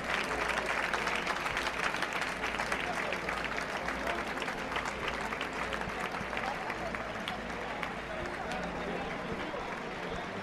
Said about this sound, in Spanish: Y ahí finalizando esa vuelta al ruedo, dirigiéndose hacia los medios para finalizar con esa montera en mano, saludando. Y una ovación cerrada.